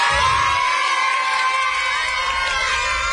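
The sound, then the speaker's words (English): A crowd of family, friends and fans cheers and shouts continuously as the Bridgewater Little League team of 12-year-olds is welcomed home after the Little League World Series in Williamsport, Pennsylvania, with high excited voices, some sounding like children, whooping over a steady roar that stays loud throughout. “And the Bridgewater Little League team was welcomed home by family, friends, and fans last night after their trip to the Little League World Series in Williamsport, Pennsylvania.”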